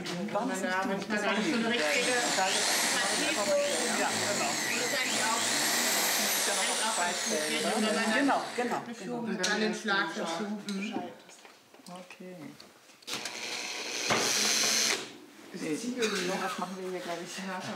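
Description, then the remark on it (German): A cordless drill/screwdriver whirs steadily for several seconds, its motor pitch rising as it spins up, then cuts out in bursts while people talk; it is being used in an attempt to drill a hole. “Wir wollten jetzt noch mal so ein Loch in der Ohren.”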